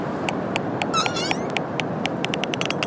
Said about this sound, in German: Und die Studie zeigt, die Wale erhöhen ebenfalls ihre Lautstärke bei Lärm. Und dann klingt ihre Stimme in etwa so.